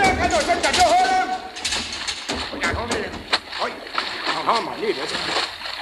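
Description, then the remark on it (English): Water gushes and splashes loudly and steadily down through a submarine's conning tower hatch after a direct hit from a destroyer, with sharp sloshing bursts throughout, while muffled voices and a few whistling tones sound faintly underneath. “I got back up in time to see water gushing down through the conning tower hatch.”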